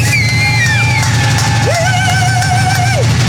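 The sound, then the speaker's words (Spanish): A loud, dense crowd at the Amigos Sin Derechos forum roars and cheers to welcome a streamer guest, with sustained whoops and whistle-like yells rising above a constant wash of noise and a steady low rumble underneath. “Démosle un fuerte aplauso y que suenen esos tambores”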